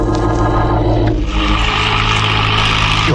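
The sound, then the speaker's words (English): A car engine revs up loud, its deep drone surging partway through as the car drives off with two people aboard early in the morning. No voices. “drove over to Rembrandt's place, rustled him into my car, and we took off”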